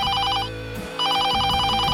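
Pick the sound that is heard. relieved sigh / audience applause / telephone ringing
telephone ringing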